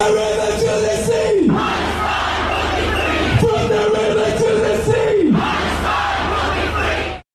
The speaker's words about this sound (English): From the river to the sea. Probably the most infamous chant at all of these Palestine marches.